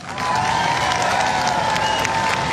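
A large crowd at a political speech cheers and applauds loudly and continuously in an applause poll for "no tax on tips", a dense wash of clapping with shouts rising over it, filling the whole moment without a break.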